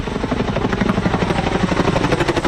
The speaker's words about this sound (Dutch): Onder meer Chinook-helikopters met grote waterzakken werden ingezet.